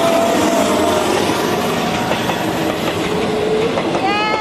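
A train rushes past without slowing through Prachin station in Thailand, on the line running to Aranyaprathet. A loud, steady roar of rumbling and clattering wheels, with a brief high metallic squeal rising near the end.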